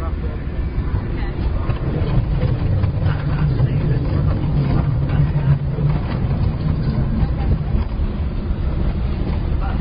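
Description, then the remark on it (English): A test vehicle's engine drones steadily as the car drives over a rough road during rough road tests, with a dense, continuous low rumble and rattling road noise throughout. “Great, let's proceed to the rough road tests.”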